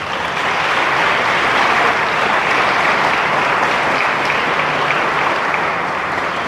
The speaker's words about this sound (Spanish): Denle un aplauso al amor de Dios.